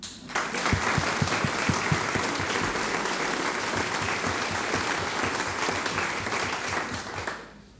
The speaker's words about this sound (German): Und deswegen begrüßen Sie bitte ebenfalls mit einem herzlichen Applaus auf dieser Bühne einen sehr lieben zweisprachigen Kollegen